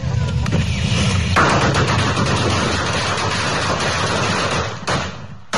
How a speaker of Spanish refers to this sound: Ahí está, hasta con cohetes y todo, ¿verdad? No, los famosos triques.